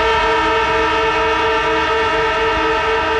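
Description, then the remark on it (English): A football siren blares in one loud, unbroken, steady tone for the whole three seconds, rich and buzzy with layered harmonics, with no voices over it. “The moment you hear the footy siren, give us a call”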